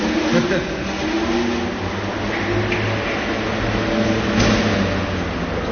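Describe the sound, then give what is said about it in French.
A steady, continuous mechanical whir of cooling fans running on board, with low droning tones layered over broad rushing noise at a constant loudness throughout. “Alors déjà, le bruit d'un peu de plus à bord, c'est ça. Ventilateur.”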